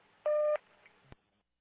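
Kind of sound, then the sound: signal or alarm, dispatch radio cancellation tones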